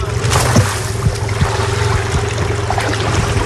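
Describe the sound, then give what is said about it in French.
A 600-metre fishing net is paid out from a boat into a calm, waveless sea at 26 degrees on a morning, with soft irregular thumps and splashes over a steady engine drone and constant rushing water. “Et là, on va caler, là, on va jeter le filet.”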